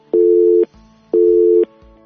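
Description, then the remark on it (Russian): A telephone busy signal on a call attempt to a caller during a live radio phone-in: two loud, steady electronic beeps, each about half a second long, separated by equal pauses in an even on-off rhythm, with no voices. “Наполегливо телефонують на номер 050. Давайте спробуємо ще раз.”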